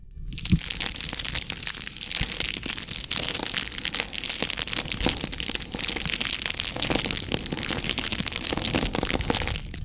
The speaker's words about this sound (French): Le crépitement de la flamme.